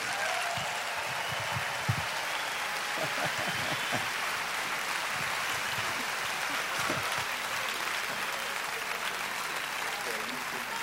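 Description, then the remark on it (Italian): Sustained audience applause in Perugia welcoming Valentina Cenni and Stefano Bolani onto the stage, a dense steady patter of many hands clapping at even loudness for about eleven seconds, with faint voices and a few cheers mixed in. “Un grande applauso, diamo benvenuto sul nostro palco a Valentina Cenni e Stefano Bolani.”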